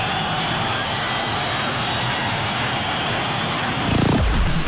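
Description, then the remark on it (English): A large concert crowd at the Buffalo Memorial Auditorium in July 1973 cheers and roars while waiting for the band, a steady, dense wash of noise with no music playing, swelling a little louder near the end. “The crowd's still going. You're wondering where the band is.”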